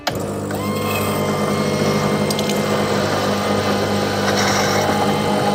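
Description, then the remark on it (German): A coffee machine grinds and brews coffee, its pump humming steadily with a low mechanical drone while liquid gurgles and brief clicks and rattles sound over the continuous whir. “Das ist auch in etwa der Zeitpunkt, wo sich, egal jetzt ob auf der Baustelle oder im Büro, noch einmal alle um dieses Gerät versammeln.”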